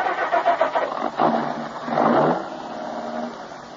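A car engine cranks with a quick series of rhythmic pulses, then catches and revs up briefly before settling into a steady, moderately loud idle. No one speaks.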